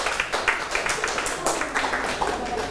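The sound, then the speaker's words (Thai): A group of children in a classroom claps for a classmate's correct answer in a fast, uneven patter that stays fairly loud and steady the whole time, with a few faint voices mixed in underneath. “หมวดคำสรรพนามถูกต้องปรบมือให้เพื่อน”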